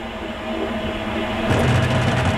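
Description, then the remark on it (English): A new clothes dryer gives off a loud, steady mechanical rumble with droning hum tones, then shifts partway through into a heavier, rougher grinding roar. No one speaks. “The dryer just making a...”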